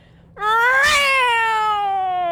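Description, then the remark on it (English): A voice imitates a Formula One car with one loud, sustained buzzing tone that swoops up in pitch, then slowly drops away over about two seconds. “Give us a sound effect, and I'm going to stand back here, of a Formula One car.”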